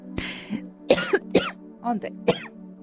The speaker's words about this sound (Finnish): Joo, en mä tiedä, mikä meni. Joku pala kävi kurkosta, piti yskästä se pois